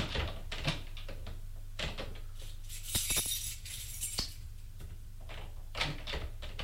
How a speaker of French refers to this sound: Tremblant, il regarde les tiroirs. Prend de sa poche un trousseau de clés. Il essaye les clés pour ouvrir un tiroir.